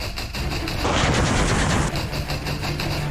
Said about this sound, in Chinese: 在侦察小组引导下，直升机对目标实施火力打击，消灭了蓝军火力点。